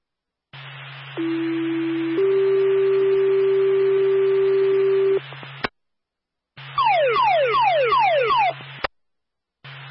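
A fire dispatch alert tone for Claremont Fire over a radio channel, calling a response to an apartment where a spill in an oven caused smoke and the alarm will not shut off: one steady tone steps up to a longer second tone, then a short burst of rapidly repeating falling chirps, loud and clear with a low hum.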